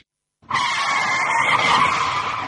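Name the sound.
car tires screeching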